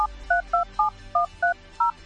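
A quick run of about eight telephone keypad tones as a phone number is dialed, each a short dual-pitched beep in a steady rhythm, clear with no voices.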